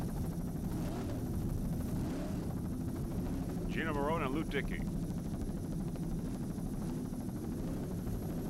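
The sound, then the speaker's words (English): A helicopter's steady, heavy rotor and engine rumble fills the whole recording, loud, with a man's voice briefly speaking over the noise partway through. “Back to helicopter.”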